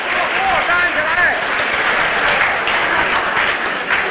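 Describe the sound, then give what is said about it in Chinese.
A large table tennis arena crowd stands, applauds and cheers in a dense, continuous roar of clapping as Chinese player Zhuang Zedong, after beating Japan's Takahashi 3-0, shakes hands with his opponent, with scattered shouting voices rising above it, loud and sustained throughout. “各位听众，这个现在庄则栋很有礼貌的而谦虚的向高桥浩握手，向裁判员致谢，这是全场观众为我们中国队员在球场上表现出来的谦虚诚恳和良好的体育道德作风，再一次起立，报以雷鸣般的掌声。”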